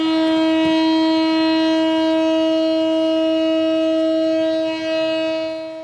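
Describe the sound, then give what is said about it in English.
A one-minute memorial siren in Tel Aviv, marking the third anniversary of the October 7th attacks on Israel, holds a single steady, unwavering tone, loud and continuous for the whole stretch, with a slight dip near the end and no voices over it. “In Tel Aviv, a one-minute siren sounded to mark the somber anniversary.”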